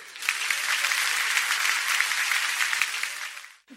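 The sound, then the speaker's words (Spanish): A crowd bursts into steady, dense applause on a count of three, many hands clapping at once for several seconds before it abruptly cuts off. “Cuando yo diga tres, ustedes le meten aplauso, así que sea de una manera espontánea.”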